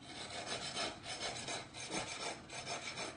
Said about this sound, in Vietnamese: Trong nhịp điệu đều đặn của tiếng cưa, tiếng đục